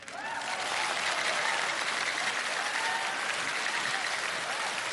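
A large audience claps steadily and loudly for several seconds, a dense wash of overlapping hand claps that swells quickly at the start and holds even throughout, with no voices standing out.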